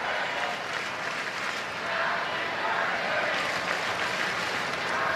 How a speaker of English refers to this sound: Crowd chanting happy birthday for Otani right now.